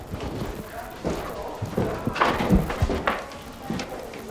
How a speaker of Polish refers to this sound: Drewniane, skrzypiące schody.